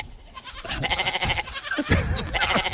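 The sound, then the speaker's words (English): A goat bleats loudly and repeatedly in a wavering, nasal series of cries, with no talking over it. “Well, my goat doesn't quite sound like that.”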